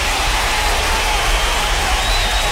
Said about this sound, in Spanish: Por supuesto que sí, un aplauso para el hombre.